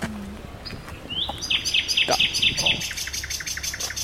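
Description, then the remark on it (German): A common nightingale sings from dense bushes toward a bridge, a rapid run of bright, repeated whistled notes with rising slurs and trills, fairly loud and clear, with a brief spoken word at the start. “Und auf der anderen Seite haben wir hier zur Brücke hin jetzt ganz, ganz viel dichtes Gebüsch und prompt singt auch gleich eine Nachtigall hier in dem Gebüsch.”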